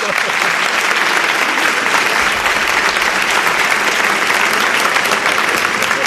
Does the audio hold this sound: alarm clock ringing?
no